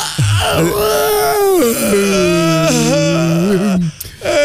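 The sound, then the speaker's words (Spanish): A long, loud yawn with a stretch, drawn out into a groaning moan that slides up and down in pitch for about four seconds, ending with a short breath. “La bostezada tiene que ser con estirada.”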